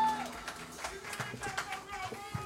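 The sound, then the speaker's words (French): Scattered, irregular hand claps ring out over a murmur of voices, fairly quiet overall, with sharp bursts spread unevenly through the stretch instead of a full, steady round of applause. “Mes amis, pardon de l'applaudissement, je ne sais pas c'est là.”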